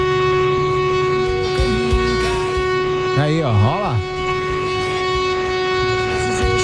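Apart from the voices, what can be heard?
horn honking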